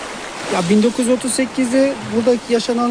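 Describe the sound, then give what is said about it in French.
Steady rushing of the flowing Munzur River, heard from its bank near the small town of Ovacık, fills the background at moderate loudness, while a voice talks continuously over it in the foreground. “Nous sommes sur les bords de la rivière, près de la petite ville d'Ovacık”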